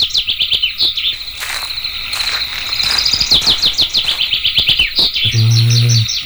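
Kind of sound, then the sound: bird, birds chirping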